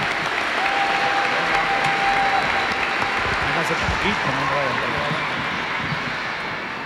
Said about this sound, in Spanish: Un fuerte aplauso, hermanos.